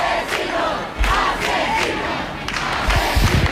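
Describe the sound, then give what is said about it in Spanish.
Neighbours shouting angrily together in the street, yelling 'asesinos' (murderers) at those taking away a woman who has just been evicted, voices overlapping in loud, rhythmic bursts of chanting and yelling, with a few sharp thumps underneath. “Sonido directo de los vecinos gritando asesinos a quienes se la están llevando.”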